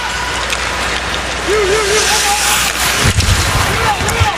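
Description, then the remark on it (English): A steady roar of a hockey arena crowd cheering appreciatively after a back check by Jake Neighbors, swelling slightly around the middle and again toward the end, with scattered voices and a brief higher-pitched whoop rising out of the din. “Appreciative fans with a cheer”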